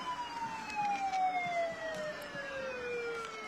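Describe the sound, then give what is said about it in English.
A fire truck's horn sounds at a parade, with kids riding on top of the truck, in one long, loud, continuous tone that slowly slides downward in pitch, over a low murmur of outdoor background noise. “And see, those kids on top, I think they're regretting their choice to sit up there every time that horn goes off.”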